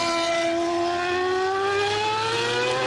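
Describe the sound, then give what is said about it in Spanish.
A Formula 1 engine of the Madrid Grand Prix, held at the IFEMA grounds by Barajas, screams in a loud, sustained, high-pitched whine over 100 decibels whose pitch climbs gradually over a few seconds, rich in buzzing harmonics, with no voices. “Estos son los motores que tendrán que escuchar durante horas desde sus casas y balcones los vecinos de Barajas, ruidos que superan los 100 decibelios y que describen como algo inaguantable.”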